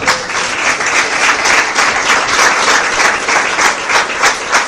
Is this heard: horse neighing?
no